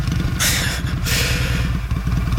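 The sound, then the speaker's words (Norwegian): A motorcycle engine runs with a steady, rough idle, punctuated by two brief bursts of hissing noise, with no voices present, as someone tries to start the motorcycle and get it running. “Mens jeg prøver å få motorsykkelen til å rulle og gå, så kan vi jo...”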